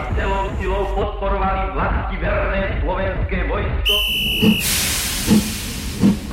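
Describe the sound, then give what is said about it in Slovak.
Halfway through, a steam train to Banská Bystrica, its carriages full of people, lets out a loud, broad hiss with a brief whistle, followed by steady rhythmic chuffs; voices talk in the first half before the steam takes over. “Na druhý deň sme s otcom sedeli vo vlaku do Banskej Bystrice.”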